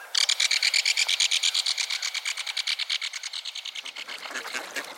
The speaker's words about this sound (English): Several pairs of mallards paddle around the shallows, quacking companionably as they dunk their heads in the water looking for food.